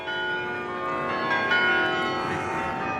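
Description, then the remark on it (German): Carillon bells in Utrecht, Netherlands, ring out in a dense, sustained wash of overlapping tones, steady and fairly loud throughout, with no voices present. “In Utrecht, Niederlande, der Stadt mit dem weltberühmten Glockenspiel, kulminiert das Problem.”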